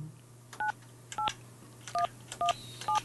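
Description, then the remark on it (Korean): Five short dual-tone telephone keypad beeps in a steady sequence, each a brief clear tone pair separated by short gaps, over a faint low hum with no voices, as a number is dialed again to call a listener in Bucheon. “자, 전화가 다시 한번 제가 다시 한번 눌러주세요.”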